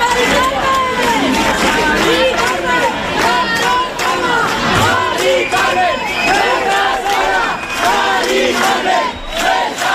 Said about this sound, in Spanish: No estás sola, Mari Carmen, gritaban miles de jóvenes y no tan jóvenes anoche con pancartas que decían todos somos Mari Carmen